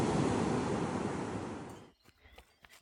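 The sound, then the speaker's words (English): Loud rush of surf as an ocean wave breaks and washes in on the beach at Santa Monica, a broad roaring hiss that fades away abruptly, leaving faint wind buffeting on the microphone. “Now best part of running on the beach, I get to cool off in the ocean.”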